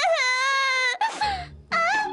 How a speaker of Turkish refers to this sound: Ağlamana gerek yok